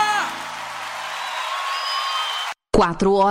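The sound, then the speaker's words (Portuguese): Congregation applause for the Lord during worship, with scattered whoops, a steady broad wash of clapping for about two and a half seconds that cuts off abruptly, followed by a voice speaking. “Se é para o Senhor, pode ser mais forte esse aplauso.”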